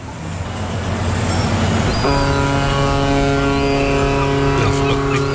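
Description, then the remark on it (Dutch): After a low rumbling drone, a loud horn blares in and holds one steady, brassy, harmonic-rich tone for over three seconds against constant background noise. “Een hele gewone toeter. Heb je geen rare toeter?”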